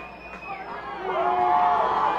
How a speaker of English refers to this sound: If you're wondering why the crowd is making so much noise, Rhubarb the Reindeer, the mascot for the Rainiers, is on top of the third base dugout, getting the crowd all riled up.